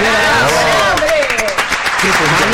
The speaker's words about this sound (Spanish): No se te entiendo con los aplausos.